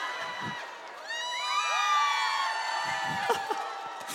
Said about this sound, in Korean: 아까 그 물 먹을 때 막 박수 나고 함성 나고 수준 높다 하니까 더 하시는 거죠, 지금.